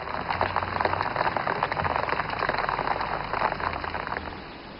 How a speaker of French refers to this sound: elle dit qu'il pleut.